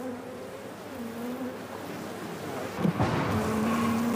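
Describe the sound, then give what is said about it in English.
Dense, steady buzzing of many honeybees swarming around a honeycomb where a young bee is hatching, a droning hum with wavering tones and a slightly louder burst near the end. “A bee is hatching here right now.”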